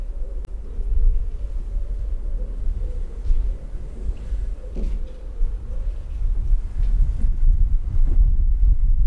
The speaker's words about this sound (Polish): Owiewka cały czas była założona. Tu już jest trochę wiatr. Ciekawe jak będzie.